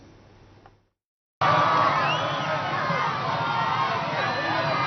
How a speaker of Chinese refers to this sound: 藤森庆子在安保人员的护送下抵达阅兵式现场，支持者们夹道欢呼，还有民众在阳台上挥舞国旗以示支持。